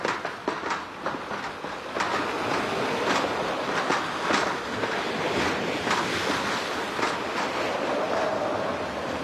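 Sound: sea waves heard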